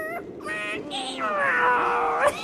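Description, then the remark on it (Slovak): A human voice draws out a long, wavering cat-like meow, imitating a cat, rising and bending in pitch for a couple of seconds, fairly loud. “Mňau, rozmyslí. Mňau.”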